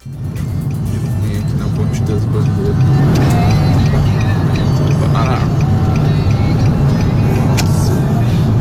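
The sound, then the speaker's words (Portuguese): Steady, heavy rumble of a huge, nearly stopped line of trucks and cars on the express lane of the Marginal do Rio Pinheiros toward Interlagos, by the Jockey wall, with a continuous low engine drone, occasional higher whines and an indistinct voice mixed in. “Tá bem baixinho o áudio dele, mas ele mostra praticamente uma fila gigante de caminhões, de carros que estão ali indo na pista expressa, né, da marginal do Rio Pinheiros, e tudo muito parado.”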